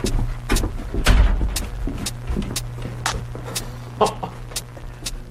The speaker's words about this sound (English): Come on, right down here. Just watch your step. You can pull that door closed if you like.